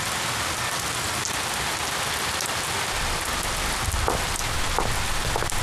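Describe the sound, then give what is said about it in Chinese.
Steady rain pours down outside, a dense continuous hiss with scattered drops pattering on a hard surface; no voices are heard. “佛叔，外面下雨，你擦什么地呀？”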